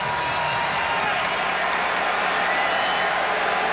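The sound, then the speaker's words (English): A stadium crowd at a football game against Louisville roars in a dense, steady wash of noise that stays loud throughout, with a few sharp claps or whoops popping out near the start. “Crowd making noise.”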